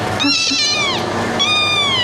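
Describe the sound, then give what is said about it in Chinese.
A cat meows loudly, two drawn-out, wavering cries with a short pause between them, the first one sliding downward in pitch. No one speaks. “哎，一下子就不叫了。”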